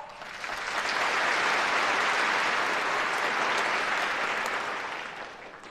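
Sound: audience applauding warmly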